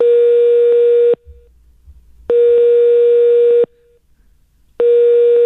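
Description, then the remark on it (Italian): A loud telephone ringing tone repeats in steady bursts, each steady electronic tone lasting about a second with equal pauses between, three bursts in all with no talking. “Andiamo di squillifare. Madonna, mitragliatore. È veloce, ma è veloce.”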